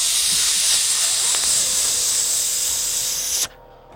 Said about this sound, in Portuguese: Não uso panela de pressão. Tenho medo. Vai que explode. Aí começa aquele negócio, solta a fumaça.